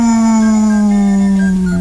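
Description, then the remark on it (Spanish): A single long, loud howl held steadily, its pitch sliding slowly downward: a dog howling at the moon at night, with no other sounds around it. “Se la pasó aullando a la luna.”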